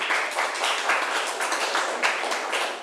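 A group of students in a classroom clapping their hands together for a classmate in a steady, continuous round of applause, evenly loud for a few seconds, with no one speaking over it.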